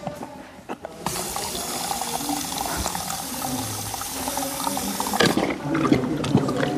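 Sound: horse drinking water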